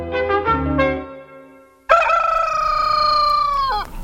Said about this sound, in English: It was about 4 o'clock next morning. Cockerels had begun to crow.